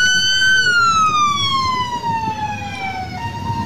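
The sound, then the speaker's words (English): A loud siren wails from an unmarked white ICE van with its lights on at a street protest, a single long tone sliding slowly downward in pitch over street rumble and traffic noise, with no one speaking. “An unmarked white van with its lights and sirens on.”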